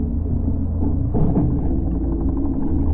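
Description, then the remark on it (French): A steady, loud low-pitched engine drone with a muffled hum, a fishing boat motor rumbling overhead, heard from the seabed below as the fishermen cast their net, continuing throughout with a brief swell in the middle and no voices. “Oh, un bruit de moteur au-dessus de nous. Pétard, des pêcheurs, manquez plus que ça.”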